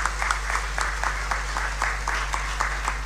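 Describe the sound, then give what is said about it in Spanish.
A group applauds with steady, overlapping claps at a moderate level, a brief round of clapping for a couple celebrating 36 years of marriage, with no voices over it and a low hum underneath. “Un aplauso para ellos.”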